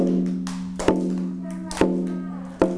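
Three sharp, evenly spaced taps knock out a slow, steady beat, close and distinct, over a soft sustained background tone.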